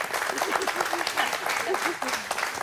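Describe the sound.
Steady audience applause, a dense wash of many hands clapping at an even, sustained level for a few seconds, with faint voices murmuring underneath.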